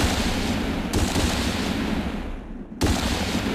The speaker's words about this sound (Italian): Sulle rive dello stagno infuriava la guerra contro gli animali. L'aria crepitava mentre l'uomo bianco sparava.